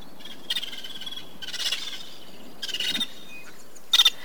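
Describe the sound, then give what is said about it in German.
Harsh, clattering bird calls come in four short bursts, each rapid and rasping, with pauses between them over a steady outdoor background hiss. A flock of vulturine guineafowl calling. “Geierperlhühner treffen Mehrheitsentscheidungen und sie kommen in der afrikanischen Savanne vor.”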